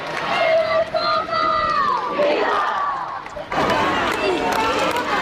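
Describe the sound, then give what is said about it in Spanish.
A large crowd at the Almudena Cathedral shouts and sings for the Pope as he passes in a car, waving from the window, with chants of 'Viva el Papa, viva la Guardia Real': a loud, continuous roar, many voices overlapping in rising and falling chants, with a brief dip before the noise surges again. “La imagen era muy clara y, claro, han empezado todos a gritar y a cantar.”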